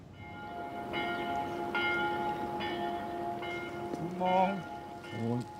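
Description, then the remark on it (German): A church bell strikes six evenly spaced, resonant strokes at six in the morning over a lingering hum, amid a soft rainy hiss, followed by a couple of brief voice-like calls near the end. “Morgens um 6. Mit dem letzten Glockenschlag kommt Gerjet Bültcher auf die Werft.”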